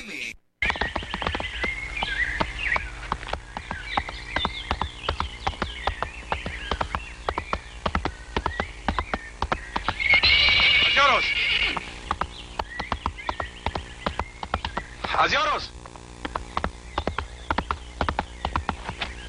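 Hooves clip-clop in a steady, rapid rhythm, and a horse lets out two loud, shrill neighs partway through while the hoofbeats keep going.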